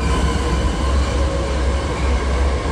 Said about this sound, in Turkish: Edirne Garı'ndan hareket eden hızlı tren 54 dakikada Çerkezköy'e ulaştı. Yolcular ulaşım süresinin kısalmasından memnun. Daha önce 2 saat süren yolculuk 55 dakikaya düştü. Çerkezköy Kapıkule hızlı tren hattında ilk yolculuk heyecanı yaşandı.